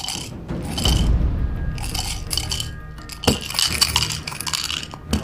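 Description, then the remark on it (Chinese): Dice rattle and clatter inside a cup in quick, repeated bursts, fairly loud, with a sharper knock partway through as the shaking continues, as a player shakes them to start a game of dice. No one speaks. “既然骰子当头，那我们就来玩玩骰子吧。”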